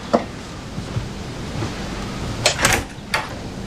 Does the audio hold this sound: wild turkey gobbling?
no